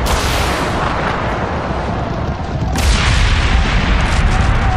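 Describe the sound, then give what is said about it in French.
A loud cannon blast, fired against a snowy mountainside in the Mulan story, opens into a dense, roaring rumble, then a second explosive burst hits near the middle and the heavy rumbling of the resulting avalanche continues to the end, with no voices. “L'explosion provoque une coulée de neige, que dis-je, une avalanche!”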